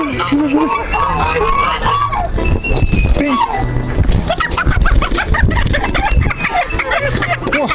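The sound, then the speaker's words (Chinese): A free-range native rooster with nine toes clucks and squawks agitatedly while being caught by hand, the calls continuous and loud over a busy, noisy background with murmuring voices and scuffling. “哇，你看这个公鸡， 这个智能土鸡长出来9只脚趾，好长呀！”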